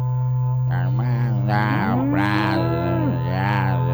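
A berrante cattle horn blares in a long, continuous, loud drone, its bellowing, moo-like tones swelling and bending in pitch over a steady low hum, with no talking.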